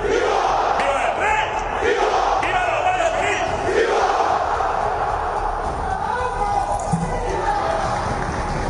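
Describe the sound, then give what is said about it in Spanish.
A large crowd at a ceremony shouts slogans such as "¡Viva la UCO!" together while Interior Minister Fernando Grande-Marlaska and director general Mercedes González are on the stand, loud and continuous, with rhythmic chanting bursts rising over a steady roar of many voices throughout. “Viva la UCO, es lo que se escuchaba al final de ese audio.”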